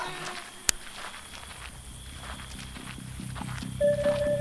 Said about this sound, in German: Meisterin, Pferde! Das sind Tareks Leute!